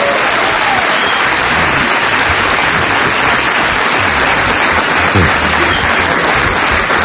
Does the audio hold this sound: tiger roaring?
no